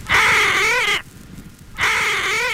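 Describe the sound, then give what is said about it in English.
A frog's fright call, made when it is grabbed: two loud, shrill, harmonic screams, each about a second long with a wavering pitch, separated by a brief pause. No voices. “This is generally referred to as a fright call. They do it when they're grabbed, and some people have the idea that it is an altruistic thing that warns other frogs.”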